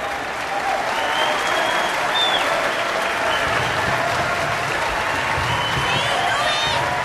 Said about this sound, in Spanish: El público aplaude. El público se pone de pie para aplaudirles a Miles y a Ruby.